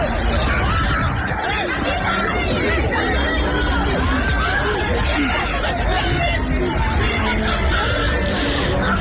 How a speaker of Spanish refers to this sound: las calles siguen sonando con explosiones que son las que maneja la policía para tratar de disolver estas manifestaciones. Son en general fuegos artificiales, no son balas, pero así es como se escucha la calle allí en Francia.